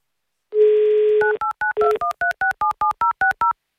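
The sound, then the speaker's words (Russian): A steady dial tone hums for about a second, then a quick run of roughly a dozen short two-pitch keypad beeps as the radio station Avtoradio dials a phone number in Saint Petersburg, with no one talking. “вам сейчас звоним в Санкт-Петербург.”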